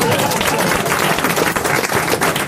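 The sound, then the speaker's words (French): Loud, dense applause from an audience for Valérie Mérès after her performance fills the whole moment, many hands clapping at once in a steady, crackling wash with no voices standing out. “C'était Valérie Mérès, mesdames, messieurs, on peut l'applaudir.”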